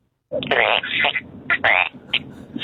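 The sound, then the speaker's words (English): Two siblings, asked for their best animal sound, imitate a frog call with loud, raspy, buzzing vocal croaks, several bursts in quick succession that overlap one another before trailing off. “Hey, that sounded like a North Queensland green tree frog in breeding season.”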